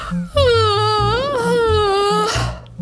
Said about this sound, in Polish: To jest moje ulubione ćwiczenie rozgrzewkowe przed nauką wymowy. Nie ma niczego przyjemniejszego niż ziewanie, więc ziewnijcie jak najszerzej tylko umiecie, jak najbardziej.